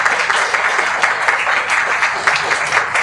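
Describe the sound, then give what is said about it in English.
A crowd applauds a panel of speakers, many hands clapping in a dense, even wash of sound that stays loud and constant throughout, with no voices standing out. “Can we please get a warm round of applause for our people panel?”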